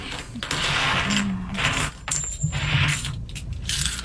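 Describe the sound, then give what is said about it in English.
Loose coins, spilled through a hole in a bag, clink and scrape together in bursts as they are scooped up from a hard surface, a steady jingle with brief pauses between handfuls. “Yeah, there was a hole in the bag. So let me gather them up, and we will do the 90% silver coin.”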